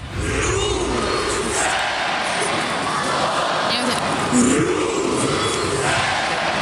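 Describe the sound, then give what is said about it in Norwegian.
A large crowd of Rosenborg home fans chants the club's name in three syllables, Ro-sen-borg, toward the pitch, with heavy stress on the first syllable, many voices merging into a loud, sustained roar with drawn-out sung tones rising above the steady din. “Ja, hjemmefansen til Rosenborg, de har nemlig et helt spesielt heierop.”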